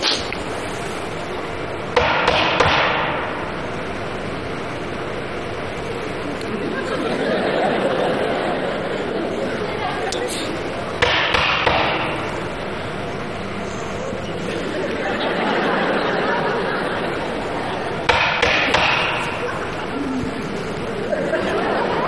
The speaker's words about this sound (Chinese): 你这是叫门吗？你这不敲门的吗？你这不是？